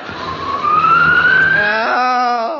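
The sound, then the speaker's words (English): A howling wind on a windy night rises in one long whistling moan, its pitch climbing and then holding in a shrill, wavering tone over a rushing hiss. It is loud and steady, with no voices. “It's no good eating cold jelly on a windy night, you know.”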